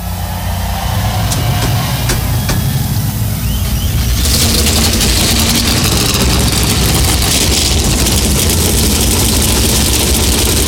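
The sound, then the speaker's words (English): A field of 38 NASCAR stock car engines fires up at Darlington Raceway, South Carolina, before the Cookout Southern 500 and rumbles at idle, a loud, dense low roar that swells sharply partway through as more engines join in, with no talking. “Start your engines.”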